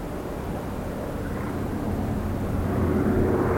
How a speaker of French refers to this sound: Deux jours après le crash, dans l'après-midi, un bruit de réacteur. Les rescapés lèvent les yeux, un avion les survole.